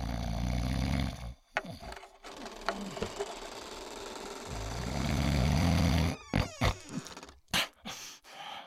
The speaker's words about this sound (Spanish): Su esposo roncaba sonoramente.